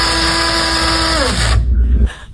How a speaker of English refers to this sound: That was a coffee grinder